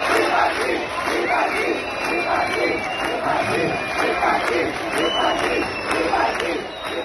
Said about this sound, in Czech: Lidé na jeho přítomnost reagovali pískotem a například skandovali vypadni.